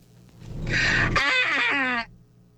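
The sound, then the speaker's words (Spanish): A single sneeze: a breathy, hissing build-up, a sharp burst, then a drawn-out voiced tail that slides down in pitch before cutting off. No one talks over it. “Pero si estornudó al final, mire, escucha.”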